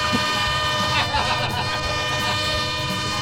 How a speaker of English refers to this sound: Pardon me, folks. We'll wait for the train to go by. Hang on.